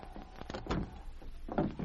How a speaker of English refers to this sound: They're opening the door now.